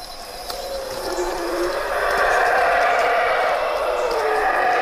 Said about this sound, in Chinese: 吼猴的叫声是低频的